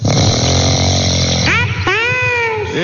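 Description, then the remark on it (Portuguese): Someone asleep in a bedroom at 6:20 in the morning snores loudly: a long, rough, buzzing rumble that breaks into two rising, whistly wheezes, with no talking over it. “É isso aí, ó, cheio de conta pra pagar, está dormindo aí, preguicinha, vamos levantar.”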